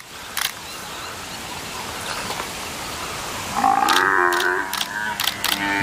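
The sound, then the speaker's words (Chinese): An African buffalo calf caught by lions bawls in distress: loud, drawn-out, wavering cries begin partway through after a stretch of low rumbling, with sharp camera-like clicks breaking in over them. “听着叫声，这也太惨烈了。”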